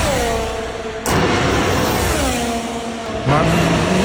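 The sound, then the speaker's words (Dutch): A Formula 1 race car engine at the Zandvoort circuit screams through rising gear shifts, its high-pitched whine climbing, dropping abruptly at each change, then climbing again, loud and continuous with no voices. “Ja, volgend jaar horen we niet meer dit geluid op het circuit van Zandvoort.”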